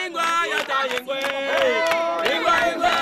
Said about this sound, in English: Nine years ago, 2017, in a small, remote and extremely poor West African community, I've joined a crowd of local villagers who've just broken out in song. There's unbridled joy.